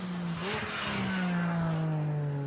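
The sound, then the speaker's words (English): Loud racing engines roar past, a steady high-pitched whine with a rising and falling pitch sweep as race cars go by at speed, passing a slow car with a rear puncture, continuous with no talking. “Not far to go, but the speed differential as the other runners come through is gargantuan.”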